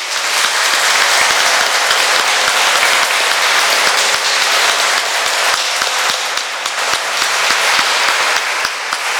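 An audience applauds at a baptism to welcome a newly baptized child, many hands clapping together in a dense, loud, continuous wash that holds for the whole stretch with no speech over it.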